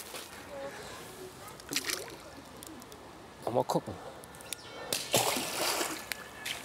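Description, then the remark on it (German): Otters swim a lap through the pool, waiting to be let out: water sloshes and splashes in several broad bursts, the last one longer and louder, while a person speaks briefly and birds call faintly. “Bis dahin kurz noch mal eine Bahn durchs Becken gezogen.”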